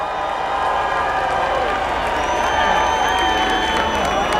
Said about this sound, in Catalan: Això és un públic ben parit, això és un públic ben parit. Clar que sí. Un crit molt fort també per la gent de Beni Dolores.